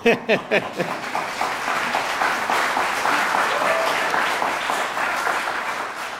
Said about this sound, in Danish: Og jeg kan høre, at I allerede er rigtig gode til at klappe. Så det glæder vi os igen senere.